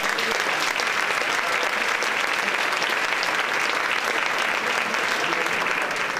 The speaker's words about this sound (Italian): Noi siamo a Loreto, al santuario di Loreto, quindi vi facciamo un applauso e un saluto grande.